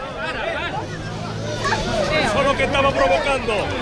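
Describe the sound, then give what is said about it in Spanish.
A crowd of protesters at a neighbourhood demonstration in Loma Colmenar shouts over one another as a brawl between neighbours breaks out among the attendees, a dense tangle of raised, overlapping voices that grows louder and more agitated partway through. “Estos gritos que oímos de fondo son el inicio de una pelea entre los asistentes a la manifestación, una reyerta entre vecinos que es síntoma de la tensión que vive el barrio.”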